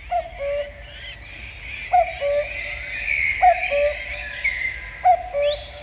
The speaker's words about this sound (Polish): Kukułka? No właśnie, tak mi się wydaje, że to chyba jest kukułka.